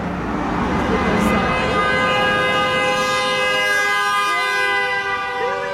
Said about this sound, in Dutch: Dat was een goede toeter. Excuse me? That was a good one. A friendly one. A friendly honk. A friendly honk. Een vriendelijke.